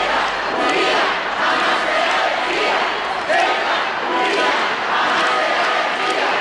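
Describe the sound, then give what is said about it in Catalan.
Thousands of people in Ceuta welcome the Spanish king and queen, applauding and shouting claims for the autonomous city in rhythmic waves, a dense, loud roar of many voices chanting together with clapping mixed in, sustained throughout without pause. “Milers de persones han rebut els monarques entre aplaudiments i crits de reivindicació de la ciutat autònoma.”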